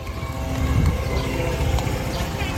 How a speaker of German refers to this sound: Beirut, Ende Mai 2026. Über der Stadt kreisen israelische Drohnen. Ihr Brummen gehört seit Monaten für die Menschen zum Alltag.